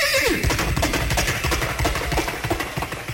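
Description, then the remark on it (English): A person imitates a horse over a microphone from a car on an expressway: a loud whinny sweeps downward in pitch, then gives way to a rapid, steady drumming like galloping hooves that continues to the end, with no talking. “And so I picked up the mic and gave them the sound of a horse braying and galloping out of the front end of the car.”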